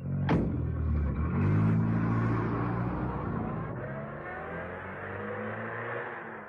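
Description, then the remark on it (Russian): A car engine starts with a sharp burst, then revs up with rising, sweeping tones and rumbles steadily as the car pulls away to drive to an airfield, loud throughout with no talking. “Садитесь в машину, там поговорим. Я спешу на аэродром. Поехали, Томми.”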